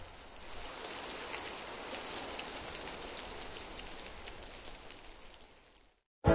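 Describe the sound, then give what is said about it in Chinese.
Steady rain patters down, countless raindrops hitting a surface in a dense, continuous hiss for about six seconds before cutting off abruptly, with no voices. “颗颗雨滴犹如落在了大家的心头。”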